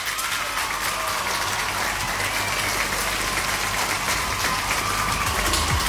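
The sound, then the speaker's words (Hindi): A steady, dense applause sound effect of a crowd, a continuous crackle of many hands clapping at an even loudness for the full six seconds, with no voices over it. “बिल्कुल सही जवाब भेजा सबने, तो आपके लिए बजेंगी यहाँ पे बढ़िया वाली तालियां, तो तैयार हो जाइए।”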